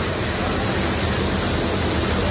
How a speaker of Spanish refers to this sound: El que escuchan es el sonido del agua en las instalaciones de la estación de tren de Sants, en Barcelona.